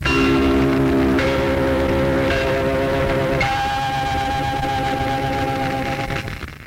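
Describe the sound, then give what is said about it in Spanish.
The 1974 station identification gong of Radio Splendid, LR4 Buenos Aires, rings out loud and alone, a short sequence of sustained, overlapping chime notes that shift pitch every second or so and hum on before fading at the end. “Voces masculinas, voces femeninas, ese gong característico y distintivo de una u otra frecuencia.”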